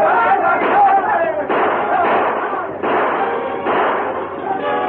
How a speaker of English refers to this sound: The sheriff, firing as he rode, urged his men on.